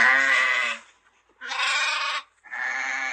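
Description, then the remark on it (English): Three loud sheep bleats in a row, each a wavering, nasal call under a second long, separated by short silent gaps, with no one speaking. “This is a sheep. Sheep. What does a sheep say?”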